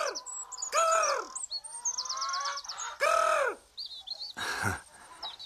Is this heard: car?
no